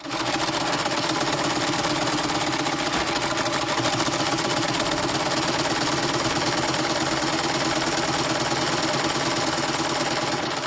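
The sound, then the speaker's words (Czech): A sewing machine, a machine needed for making clothes, runs steadily for the whole stretch, a fast, even mechanical rattle with a dense clattering rhythm and no pauses. Loud and constant throughout, with no voices. “Dobře, tenhle stroj je potřeba k výrobě oblečení.”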